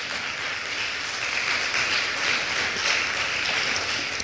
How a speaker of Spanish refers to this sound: Otro aplauso, por favor, a Jesús.